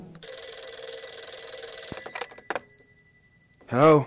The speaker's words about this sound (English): And the next thing I knew, I was wakened by the phone ringing.